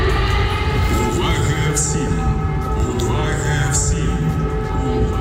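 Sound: air raid warning siren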